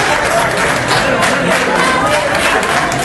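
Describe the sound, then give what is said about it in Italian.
Dense, continuous audience applause with crowd noise as Sanchez is welcomed at the FAO headquarters, a steady wash of many hands clapping at a fairly loud, even level, with no clear individual beats standing out. “Ma gli applausi con cui Sanchez è stato accolto nella sede della FAO fanno capire chi è il vero favorito.”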